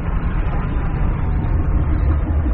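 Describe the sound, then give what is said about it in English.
A heavy engine drones in a steady, loud, low rumble with a rough, churning texture, as if straining and about to give out. No voices are heard. “Sounds like the engine failing.”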